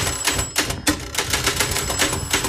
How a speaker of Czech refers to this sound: Hrkot! On nám pachole ten zvonek zdemoluje.